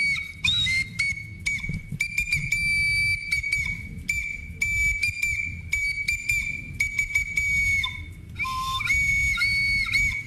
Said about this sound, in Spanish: Es que la trompeta... Silbato. Una trompeta real sale por enfrente del sonido. Y acá sale por los agujeritos de arriba, ¿no?